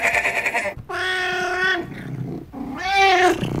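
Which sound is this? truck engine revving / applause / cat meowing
cat meowing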